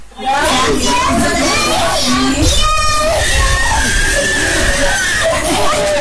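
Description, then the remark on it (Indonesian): Babies wail loudly and continuously at the crowded Posyandu Merak community health post in Selumit Pantai, Tarakan, their cries overlapping with the busy chatter of children and adults throughout. “Suara tangisan bayi terdengar nyaring dari Posyandu Merak, Kelurahan Selumit Pantai, Kota Tarakan.”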